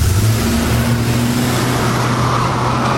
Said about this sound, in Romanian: Da, da, da. Pleacă limuzină. Ok, o luăm prin parc cu orice risc.